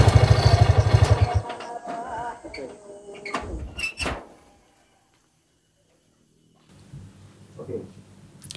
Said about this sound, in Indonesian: Pintu terbuka. Masuk aja.